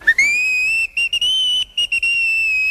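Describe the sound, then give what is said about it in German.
The steam locomotive Emma's whistle rings out in a long, steady, high-pitched blast, then breaks into a quick series of short, joyful toots. No voices are heard. “Emma trug noch immer ihren großen goldenen Orden mit der blauen Schleife und stieß in einem fort kleine Freudenpfiffe aus.”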